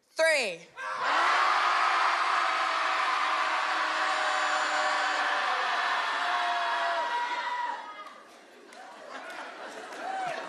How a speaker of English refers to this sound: So when I'll say 1, 2, 3, and then we'll all just let it out. Sound good? Yeah? All right. Everybody at home listening, hopefully you're shouting too. Here we go. Shouting Society commences. 1, 2, 3.